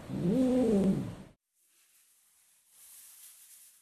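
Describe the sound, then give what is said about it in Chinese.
A rescued male kitten named Miaomiao, weak and malnourished after being separated from its mother and going hungry, lets out one drawn-out, wavering meow lasting about a second, clear. Only faint background hiss follows. “由于与母亲走散，长时间饥饿，喵喵被救助时身体十分虚弱，状态低迷。”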